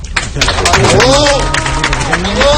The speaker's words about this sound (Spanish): Aplausos a Enrique Riquelme en este discurso de final de campaña